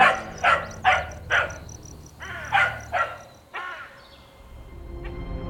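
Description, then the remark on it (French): A dog barks repeatedly in quick bursts, two groups of sharp barks, with a steady high insect-like chirping underneath and no one speaking. “et le chien qui aboie.”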